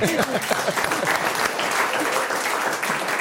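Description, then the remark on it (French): A crowd claps steadily for a few seconds for a guest's effort after his first wrong answer, a dense, even patter of many hands at moderate loudness, with a brief voice-like murmur at the start. “Alors on applaudit l'effort, c'est un peu comme au sport.”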